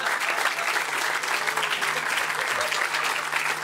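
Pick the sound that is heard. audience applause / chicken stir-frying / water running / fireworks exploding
audience applause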